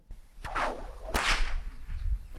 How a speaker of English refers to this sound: Yes, the stock whip. It's a tool of the trade and one that is still used in operations today. But from cattle camps to stock routes, that crack, well, it's kept more than just the cattle in line.